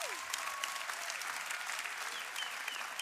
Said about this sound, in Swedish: Jag tycker vi ger henne en sista varm applåd, eller hur?